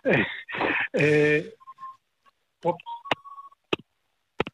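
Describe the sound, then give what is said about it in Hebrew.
A telephone line beeps with short, steady mid-pitched tones broken by sharp clicks, after an opening of loud, voice-like bursts; the beeps themselves are fairly soft and heard alone. “כן, כן, יש שם צפצוף.”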